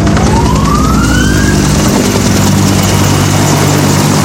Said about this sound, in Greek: Από την πρώτη στιγμή και ελικόπτερο κάνει ρήψεις νερού.